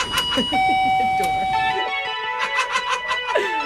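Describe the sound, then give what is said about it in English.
An electronic door chime at the entrance of a 7-Eleven store on free Slurpee Day rings out in two sustained tones, the second slightly higher, over a busy background of murmuring voices and bright clattering noise. “The door will say hello to you.”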